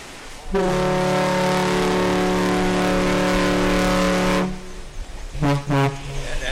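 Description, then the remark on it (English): The Badger car ferry's deep horn blares two toots as it begins its round trip between Manitowoc and Ludington, Michigan: a long, loud, steady blast lasting several seconds, then a much shorter second blast after a brief pause. “Two toots like that, that's a salute to us.”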